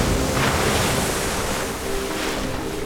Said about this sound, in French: Vent debout, mer de travers. Le bateau tangue et roule au gré de la houle.